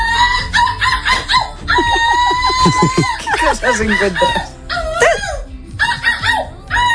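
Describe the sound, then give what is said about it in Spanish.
A young woman from Vigo, silver medallist at an international seagull imitation contest, loudly imitates a seagull, letting out a string of shrill, wavering cries, with a brief bit of speech mixed in among the calls. “porque tenemos a una joven viguesa que ha ganado la medalla de plata en un concurso internacional de imitación de gaviotas.”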